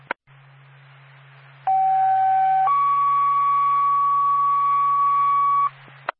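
A fire dispatch paging alert over a radio for the Twin Mountain Fire Department, called to a commercial fire alarm on Ski Area Road in Carroll: a short steady tone, then a longer higher tone held for about three seconds, loud and clear above a low hum and faint static.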